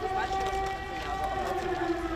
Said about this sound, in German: Luftalarm, eine gespenstische Stimmung. Merz erlebt den Drohnenkrieg hautnah.